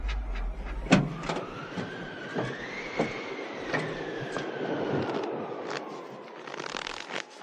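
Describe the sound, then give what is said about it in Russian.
A car engine whines and strains at rising then falling revs as the car struggles along a road buried in deep snow and gets stuck, with scraping, crunching knocks scattered throughout and no voices. “Дорога совсем утонула в снегу. Машина едва тащится.”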